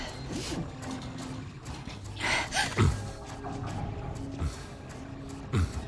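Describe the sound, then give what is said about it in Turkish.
A steady mechanical grinding with whirring gear-like tones and a few sharp clunks and strained bursts from a jammed 3D printer mechanism struggling, fairly loud with no voices. “Yazıcı takıldı.”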